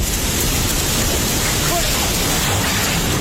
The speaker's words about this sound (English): A huge wave of water, mud and debris that swept almost everything away in its path. This is the sound from a video taken by a workman in Nepal who sees the water approaching and starts running uphill.